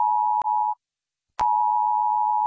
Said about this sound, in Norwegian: Hei. Dette en viktig melding fra politiet og sivilforsvaret. 10. juni, klokken 12. Testes nødvarsel på mobil.